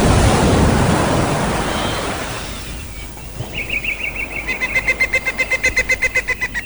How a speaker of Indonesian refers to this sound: Saudara-saudaranya yang tercinta, laut yang menderu memukul-mukul ke pantai.